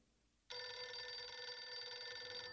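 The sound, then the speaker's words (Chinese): A telephone bell starts ringing abruptly after a brief quiet moment with an incoming call while breakfast is being prepared, then keeps up a loud, steady, bright electronic ring, with no voices. “王碧奎正在准备早餐，聂西打来了电话。”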